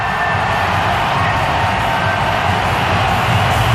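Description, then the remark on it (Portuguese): A stadium crowd in Toronto roars loudly and continuously, a dense, steady wall of shouting and cheering that holds at the same level throughout, with no single voice standing out, as the stadium announcer asks fans to shout as loudly as possible before a match involving Croatia. “Está uma barulheira agora no estádio em Toronto.”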